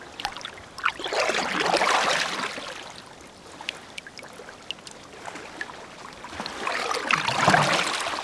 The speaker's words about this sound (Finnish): Soutuveneen kaiteen yli on mukava hilutella kädellä vettä. Vesi tuntuu pehmeältä.